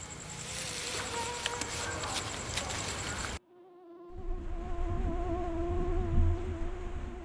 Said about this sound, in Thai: เห็นได้เลยว่ามียุงบินว่อนไปหมด